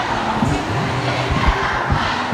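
A dense, steady roar of many school students shouting together at a demonstration against high teacher absence, overly long school days and run-down schools, with overlapping chant-like tones and a few louder surges, no single voice standing out.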